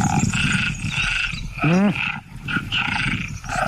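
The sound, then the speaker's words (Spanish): A loud, dense chorus of tree frogs calling together, overlapping pulsed croaks throughout, with one deeper, rasping ratchet-like call standing out near the middle. “Las hembras de ranas arborícolas tardan más en elegir pareja cuando oyen demasiados”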